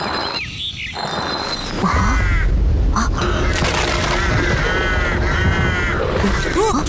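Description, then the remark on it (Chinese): A crow caws repeatedly in harsh calls over a loud, steady low rumble that starts after a brief quieter opening. “乌鸦怎么了？”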